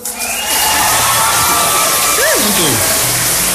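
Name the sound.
crowd cheering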